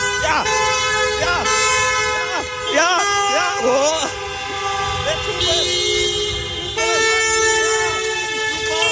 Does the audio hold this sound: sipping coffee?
no